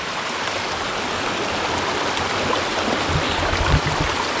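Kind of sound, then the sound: nature, flowing stream water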